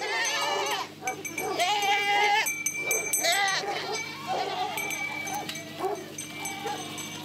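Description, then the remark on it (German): A herd of goats and sheep, guarded by people of the Cheetah Conservation Fund, bleats continuously, many overlapping wavering calls at varied pitches, with a steady low hum underneath and a dog-like bark or two mixed in. “Diese Ziegen und Schafe können sich auch sorglos in der Freiheit bewegen.”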